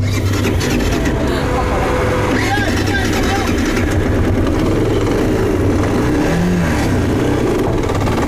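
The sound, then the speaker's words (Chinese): A loud three-wheeled motorcycle engine with a sidecar rumbles continuously on a muddy road, its revs rising and dipping across the stretch, with indistinct voices and outdoor noise mixed beneath. “没有想到第一次尝试就以失败而告终，因为三轮摩托比两个轮子的摩托更难开一些，右边的这个边斗起到一定的配重的作用，如果上面坐到人的话，这个边斗这个辆摩托开的会更稳一些，尤其在这种泥泞的这种稀泥路上面。”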